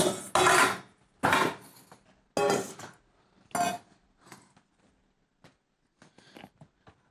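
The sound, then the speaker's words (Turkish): A knife chops food on a wooden board: several loud thuds at an uneven pace, then lighter, quicker taps trailing off. No one speaks. “Bunu doğramak biraz.”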